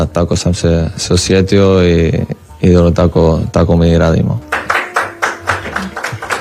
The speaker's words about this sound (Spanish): Le aplaude.